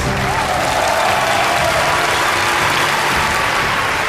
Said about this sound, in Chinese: 首先让我们掌声有请安徽博物院副院长